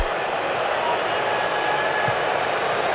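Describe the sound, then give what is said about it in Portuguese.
A stadium crowd at a football match between South Africa and Canada boos in a steady, dense roar that holds at an even loudness for the full three seconds, with no pauses or swells and no clear speech. “E agora mais vaias. Ouça o microfone, Bandeirantes.”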